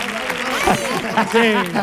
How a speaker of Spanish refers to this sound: ¡Fuerte el aplauso